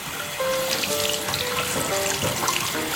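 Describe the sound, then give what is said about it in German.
Warm water runs steadily from a tap into a wash basin during a hair wash, a continuous splashing rush with a faint pitched ring as the stream fills the basin, with no one speaking. “Ja, und jetzt mache ich mal das Wasser an.”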